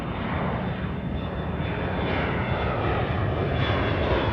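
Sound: airplane engine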